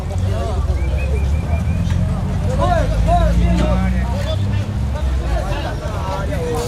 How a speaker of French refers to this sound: Vero Peso grouille de monde. Les bateaux de pêche tentent de se frayer un passage à travers l'entassement de vaisseaux déjà à quai. On décharge des crevettes, des poissons la taille d'un homme ou des crabes.